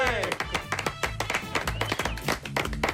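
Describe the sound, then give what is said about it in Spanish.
Steady rhythmic clapping, sharp and fairly loud, keeping time with upbeat music underneath, with voices mixed into the busy sound, as a program welcomes guest Alex O'Dougherty. “Además, está aplaudo muy contento, yo, pero para que suene más.”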